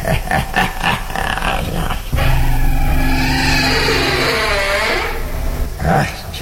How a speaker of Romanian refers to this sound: Scârție ușa asta. Ar trebui să o ung.